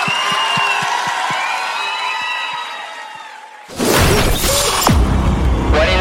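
A sustained tonal sound with soft low thumps gives way to a sudden, loud burst of audience applause mixed with cheering that fills the last couple of seconds.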